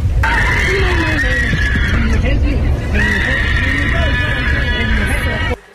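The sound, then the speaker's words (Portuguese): Passengers scream and shout in panic aboard a Fly Dubai airplane carrying 170 people, mostly Israelis, recorded by a passenger; loud, over a constant low roar of cabin noise, the high, strained cries overlap continuously for several seconds before cutting off abruptly. “Em novas imagens que você vê na tela, gravadas por uma passageira, é possível ouvir gritos de pânico a bordo do avião.”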